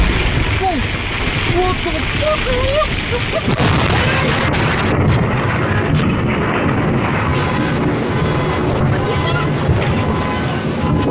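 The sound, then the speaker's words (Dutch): Heavy thunder from a strong afternoon thunderstorm ending a week of sunny, hot weather: after a few seconds a loud, dense rumble sets in and rolls on steadily without a break, preceded by faint wavering tones at the start. “Het was een week vol zonnige dagen, maar dat veranderde vanmiddag met zware onweersbuien.”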